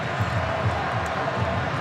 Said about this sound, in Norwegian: Hør publikum i Kansas.